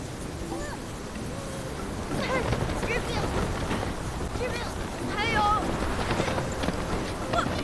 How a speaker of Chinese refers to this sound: 这么大风就别播了， 大家可以看一下， 这蓝色预警，